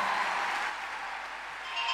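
An audience applauds steadily, a dense wash of clapping that stays fairly even throughout, ending with a brief sharp click near the close. No one speaks over it.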